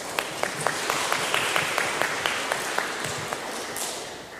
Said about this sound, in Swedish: Stor applåd.